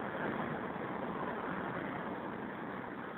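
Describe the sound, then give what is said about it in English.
A steady, dense roar of street traffic at Northern Boulevard and 41st Street, heard from a payphone right on the curb, with engines rumbling continuously and no pauses or distinct passing vehicles. It sounds muffled and narrow, as if heard over a phone line, and no one speaks. “It's like out in traffic, practically in traffic, right on the curb.”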